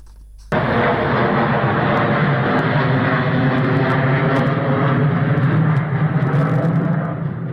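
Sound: bomber aircraft engines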